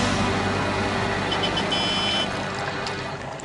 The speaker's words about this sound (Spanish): Veamos, amarilla como una banana. Grande como un elefante. Esta sí que es difícil. Sí, con una gran boca que devora como los humanos. ¿Sabes qué? Esa no es una criatura. Más bien es un... ¡autobús escolar!